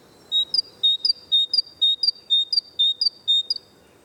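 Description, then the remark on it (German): A great tit by the Landwehrkanal sings its bright, repeated two-note spring call, 'zizibäh', high then lower, about seven times in a steady rhythm, clear over faint background hum. “Ihr Ruf im Frühling klingt nämlich genauso, Zizibäh.”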